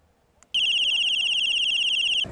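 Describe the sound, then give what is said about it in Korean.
A piercing, steady alarm from a button-activated electronic safety whistle with an LED light, one of 190 handed out to students by Chuncheon Police Station, blares at a high pitch for nearly two seconds without a break, then cuts off abruptly. A faint click comes just before it starts. “춘천경찰서가 이번에 학생들에게 배부한 전자호루라기는 모두 190개.”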